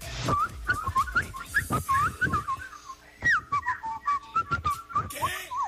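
A person whistles a wavering, warbling melody, the pitch sliding and trilling in quick bursts with short pauses, while faint background noises and thumps sound underneath.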